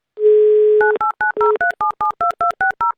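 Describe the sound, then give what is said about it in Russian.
A steady telephone dial tone hums briefly, then about a dozen crisp touch-tone dialing beeps follow in quick, even succession, each a short two-pitch chirp, as a radio show calls a listener from Moscow Region whose number, ending in 26-00, was picked by a radio roulette. No one speaks. “Давайте позвоним.”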